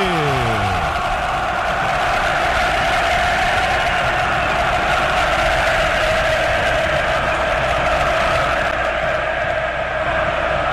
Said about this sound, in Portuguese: As cores do São Paulo fazem parte do colorido do ambiente, o vermelho, preto, branco. O coração que tem no peito um escudo de 5 pontas, pulsando forte no Morumbi. Ouça a torcida que conduz da Band News FM.